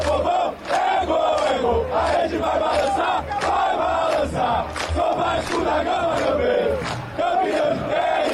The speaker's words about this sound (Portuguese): É esse, é o grito que ecoou lá no estádio de La Bombonera em Buenos Aires.